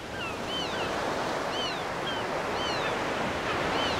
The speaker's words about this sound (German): Bei Windstärke 11 schäumt das Wasser. Wellen wühlen die Ostsee auf. Sie fördern nach oben, was sonst am Grund liegt.